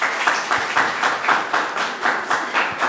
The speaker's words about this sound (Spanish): Perfecto, aplausos.